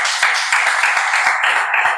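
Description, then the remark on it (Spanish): A church crowd applauds a pastor and his son steadily, many hands clapping at once in a dense, continuous patter of sharp overlapping claps. The applause stays loud throughout, with no voices over it. “Bienvenido, Juan, Dios te bendiga muchísimo y su hijo, un aplauso para él.”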